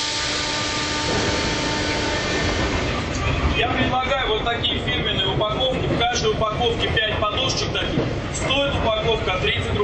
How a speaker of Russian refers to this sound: Московский метрополитен, 11:20 утра. Перегон между станциями Коломенская и Автозаводская.